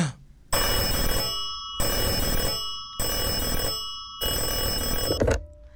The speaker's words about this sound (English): Lover Call calling. You guys hear that phone call too?